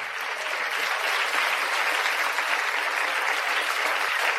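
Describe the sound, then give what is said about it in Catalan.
Sustained applause from an audience at the end of a circus animal-training act in the Circ Petit show, a dense even patter of many hands clapping at steady loudness, continuous without pauses. “un fort aplaudiment!”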